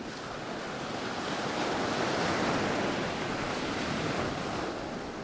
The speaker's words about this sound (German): Sanft laufen die Wellen an den pulverig weißen Sandstrand. Das Wasser leuchtet hell türkis. Wedge Island im westlichen Australien ist ein Inselparadies.